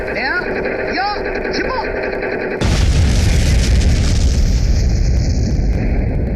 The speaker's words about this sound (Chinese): 1964年，中国第一颗原子弹爆炸